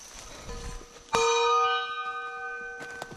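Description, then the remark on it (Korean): A single sharp strike on a kkwaenggwari, a small brass gong, struck while climbing a mountain to scare off wild boars, rings out with bright, shimmering metallic overtones that hang and slowly fade over a couple of seconds, with no talking. “그래서 이제 저희도 이제 위험하니까 꽹과리 치면서 이제 올라가죠.”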